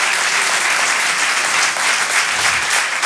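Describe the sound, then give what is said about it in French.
Loud, sustained applause from the audience at the Rire et Chanson Comedy Club, greeting comedian Marina Rollman: a dense steady wash of clapping with no pauses, carrying on evenly for the whole few seconds with no voices heard. “Tout le monde d'applaudir s'il vous plaît, Marina Rollman.”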